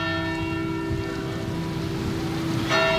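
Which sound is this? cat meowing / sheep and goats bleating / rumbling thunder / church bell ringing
church bell ringing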